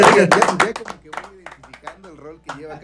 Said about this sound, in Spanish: Perfecto, aplauso fuerte.